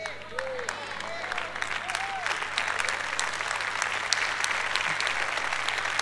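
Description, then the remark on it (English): A crowd applauds steadily, with dense overlapping claps building slightly over several seconds; a few brief vocal whoops rise above the clapping near the start. “You might as well clap louder than that, because I ain't going to shut up till you get this.”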